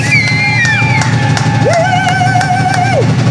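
Steady, loud applause from a crowd at the Amigos Sin Derechos forum, with drums beating in a regular rhythm underneath and sustained whistle-like tones gliding over the noise, welcoming the streamer Mike, Máquina del Mal.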